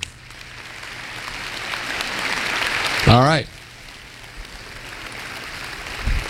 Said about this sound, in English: Why'd you clap? I didn't say, okay, one, two, three. Hey, we're just in us. We see faithful love, and it just is like, wow, that's to be celebrated.